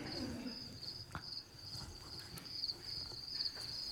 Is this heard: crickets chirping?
yes